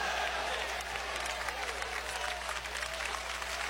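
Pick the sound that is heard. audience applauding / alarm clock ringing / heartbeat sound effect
audience applauding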